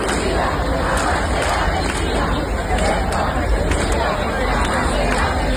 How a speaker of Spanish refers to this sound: Cantaban Ceuta unida, jamás será vencida, yo soy español, todo lo que se les ocurría, y desde luego muchos aplausos, muchas vivas a los reyes.